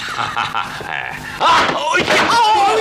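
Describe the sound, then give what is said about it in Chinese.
A heavy man, a prince, falls with a single dull thud partway through, followed at once by loud, excited cries and voices. “王爷摔着了。哎呀，你看看这下可好，摔了俩王爷。”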